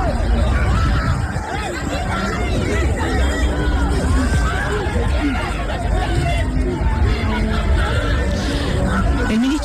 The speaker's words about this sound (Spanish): Y las calles, bueno, las calles siguen sonando con explosiones, que son las que maneja la policía para tratar de disolver estas manifestaciones. Son en general fuegos artificiales, no son balas, pero así es como se escucha la calle allí en Francia.